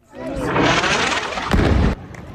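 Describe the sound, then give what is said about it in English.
A heavy explosion from an Israeli airstrike hitting a mosque in Gaza City on a Tuesday roars in as a loud, sustained rumble lasting about two seconds, punctuated by a sharper boom near the end before cutting off, with voices audible beneath it. “That blast coming after an Israeli airstrike hit a mosque, sending flames and plumes of smoke into the air.”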